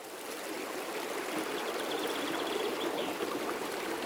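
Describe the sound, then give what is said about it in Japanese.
Steady rushing of a quiet mountain stream deep in the mountains above a waterfall, home of oopu nopili fish, water flowing and splashing continuously over rocks at a moderate level, a broad bright hiss with no voices or other sounds. “静かな渓流の中で今日も一匹のオープノーピリが生きています。”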